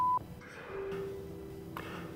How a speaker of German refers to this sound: Mailbox von …. Nachrichten bitte nach dem Piepton.